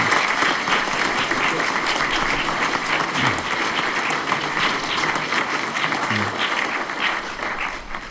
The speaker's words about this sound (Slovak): Tohto roku je to 25 rokov, čo prišli na toto miesto. Myslím, že si zaslúžia veľký potlesk.